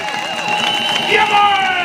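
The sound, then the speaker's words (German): A large outdoor crowd at a 'Demokratie feiern' rally and festival on Willy-Brandt-Platz in Magdeburg, Germany, cheers and shouts steadily when asked to shout and clap louder, with scattered clapping mixed into the dense wash of voices, swelling slightly louder toward the end. “Bitte noch ein bisschen lauter und noch ein bisschen lauter. Ruft und klatscht, vielleicht reißt dann der Decker auf und es wird sonnig, blau und helle.”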